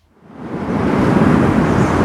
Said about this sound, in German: Es ist draußen windig, es regnet, es ist kalt.